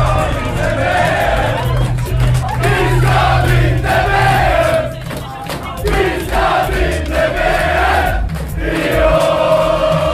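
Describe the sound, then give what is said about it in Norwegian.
A large crowd of Norwegian football supporters cheers, sings and hugs one another after a historic victory, a loud, dense wall of voices with chanted melodic lines rising and falling continuously, dipping briefly midway before swelling again. “supporterne jublet og sang og klemte hverandre etter den historiske seieren.”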